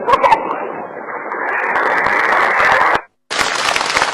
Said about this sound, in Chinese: 谢谢朋友们的掌声啊！ 感谢大家。 您先等会儿 啊， 问问您，朋友们这么热烈鼓掌，这掌声到底是为你鼓的呀，还是为我鼓的呀？